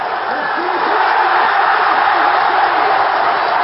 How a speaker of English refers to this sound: we'll have a listen to these Scottish football fans